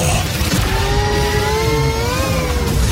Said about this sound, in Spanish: Así es, como lo acaba de escuchar, la máquina del tiempo.